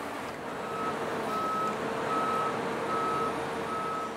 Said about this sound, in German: 60 Tonnen wiegt der Fünfachser, der die Heukenlock in den Diamantgraben hieven soll. Fast sechsmal so viel wie das Boot selbst.